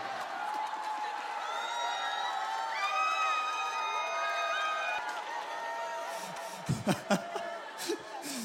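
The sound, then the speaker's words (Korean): An audience claps and cheers without pause, with high whoops and shouts rising above a dense wash of applause that swells a little midway, then a few sharp bursts near the end. “먹을수록 갈수록 그 박수가 커지네.”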